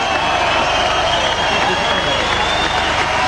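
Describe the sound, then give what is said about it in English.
A large outdoor crowd at a medal ceremony cheers and applauds continuously, a loud, dense roar of many voices and clapping that holds steady throughout without any clear individual speech. “That's the crowd that I could see. It's a good crowd, the outdoor setup.”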